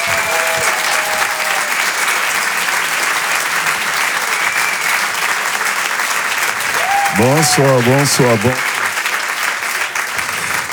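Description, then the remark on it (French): Steady, dense applause from an audience welcoming stand-up comedian Patson on Rire et Chanson fills the whole clip, with a brief excited vocal whoop rising over it midway before the clapping carries on. “Je vous demande de l'applaudir très chaleureusement.”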